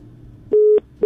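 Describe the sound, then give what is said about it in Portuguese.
A telephone busy signal after a caller's line to the Atlântida radio station drops: a steady electronic tone pulses on and off in a regular rhythm, loud, with low line noise filling the gaps between beeps. “Caiu.”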